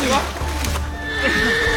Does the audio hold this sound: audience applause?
no